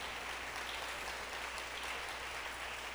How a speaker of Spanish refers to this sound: Démosle un aplauso al Señor, pero démoselo con todo el corazón.